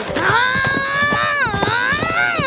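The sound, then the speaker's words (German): Horses' hooves clip-clop in a quick, steady rhythm, fairly loud, as a Comanche chief and his son ride away on their horses from outside an office, beneath a sustained, wavering tonal sound that runs through the whole moment. “Beleidigt verlassen Vater und Sohn das Büro und steigen draußen auf ihre Pferde.”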